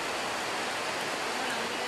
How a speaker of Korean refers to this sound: 갑작스레 소나기가 내리는데요. 아, 비가 갑자기 너무 많이 옵니다.